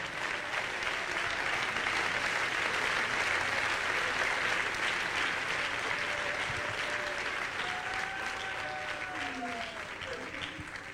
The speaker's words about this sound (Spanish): Dele palmas al Rey.